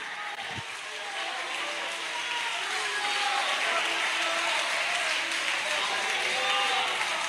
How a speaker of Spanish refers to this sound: Aplauda fuerte al Rey de Reyes.